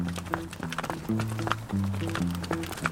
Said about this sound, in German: Die ersten Kühe haben uns erreicht. Es geht in Richtung Stall. Mitte Oktober. Rezia Biodiversità Alpine. Hof in der Lombardei, Italien.